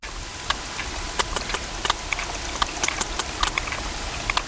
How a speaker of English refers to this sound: It's got a bit of a beat to it, hasn't it? Well, that click is the sound of a sperm whale recorded off the coast of Ibiza.